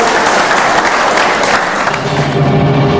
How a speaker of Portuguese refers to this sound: Então aplaudam ao Senhor em nome de Jesus.